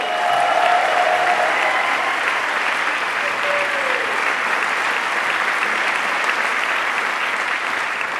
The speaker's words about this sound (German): einen Applaus für euch.